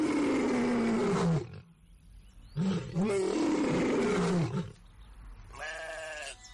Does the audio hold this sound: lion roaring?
yes